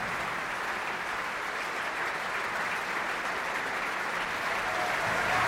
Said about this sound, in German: Gerade ist der Vorhang noch geschlossen und die Darstellerinnen und Darsteller, sie treten einzeln davor. Holen sich hier ihren Applaus ab.